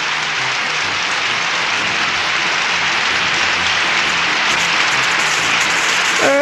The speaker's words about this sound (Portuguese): Chega de aplaudir, vai, tá bom.